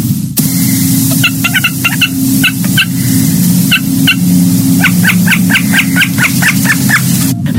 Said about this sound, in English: A snipe is one of these birds that everybody's heard, and I think most people probably don't know what the sound is coming from. In the springtime, throughout so much of Newfoundland, snipe arrive, male snipe arrive early, usually mid, late April,